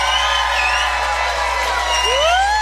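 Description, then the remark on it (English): An audience at a cruise reunion, passengers of the nonstop Norwegian Jam cruise to the East Coast, yells and screams together on request in a loud, sustained roar, with high-pitched shrieks and rising whoops standing out above the dense, continuous din. “If you were on the cruise to the East Coast, the nonstop cruise on the Norwegian Jam, yell and scream right now.”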